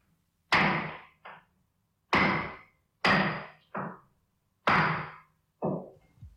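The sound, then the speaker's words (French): Sharp, ringing hammer blows strike a nail in an irregular rhythm, each loud hit followed by a softer tap, repeating four times with no voices. “Quelqu'un qui est en train de clouer quelque chose.”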